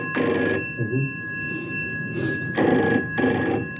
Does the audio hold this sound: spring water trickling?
no